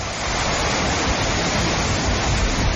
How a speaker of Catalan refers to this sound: Aquest que sentim és el riu Besòs, que ha superat el cabal registrat durant el temporal Glòria. L'Agència Catalana de l'Aigua ha emès un avís de risc hidrològic per superació del llindar de perill del riu Besòs al seu pas per Santa Coloma de Gramenet